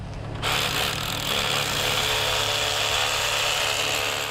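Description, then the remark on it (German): A power drill drills holes for wall plugs to fix scaffold anchor irons on the first level, running steadily for several seconds, starting abruptly after a brief quiet moment, its loud, constant whirring grind with no talking. “Gebohrt und gedübelt wird nur auf dieser ersten Ebene.”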